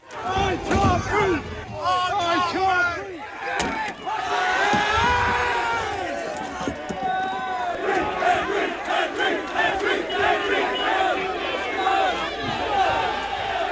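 A rioting protest crowd clashing with police in Southampton overnight, with chairs and flares thrown at officers in riot gear: a dense, loud wall of overlapping shouts and angry yells throughout, broken by a sharp bang early on and scattered thuds and slams.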